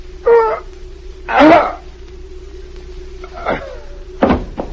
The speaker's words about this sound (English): he's fallen off the chair. Help him.